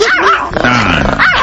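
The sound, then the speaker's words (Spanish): A small dog yaps in quick, high-pitched bursts, loud, with a brief lower whine in the middle before the sharp yapping returns. “Ponle un perro de a de veras, ¿qué es eso? ¿Qué es eso? ¿Un chihuahua?”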